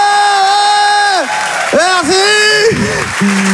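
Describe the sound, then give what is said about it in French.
An audience at the Rire et Chanson Comedy Club applauds and cheers loudly for a comedian's joke about his haircut, with high whoops and drawn-out shouts rising and falling over a steady wash of clapping for a few seconds. “Par applaudissement qui trouve que j'ai une coupe de merde.”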